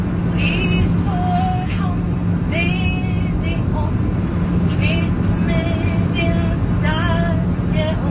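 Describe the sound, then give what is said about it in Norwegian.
Steady, unbroken roar of airplane cabin noise in flight, a deep constant rumble filling the whole clip, with faint voices and brief tonal snippets drifting over it; on board a plane where the Norwegian royal song was sung for the passengers. “Hvis du synes det høres ut som om vi ombord i et fly, så vi det.”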